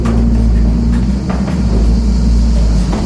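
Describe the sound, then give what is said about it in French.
A windmill's machinery starting to turn, its millstones rubbing: a steady, heavy mechanical rumble with a deep droning hum, with a few faint knocks over it and no voices. “Donc ça, c'est voilà, le moulin se met un peu à tourner, on l'entend. Voilà. Dans le frottement des meules aussi.”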